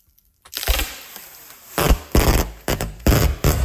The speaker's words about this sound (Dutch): Het afrollen van verpakkingstape. Jeetje. Nou, als je had gezegd het afsteken van vuurwerk, had ik het ook geloofd. Moet je horen, joh, dit.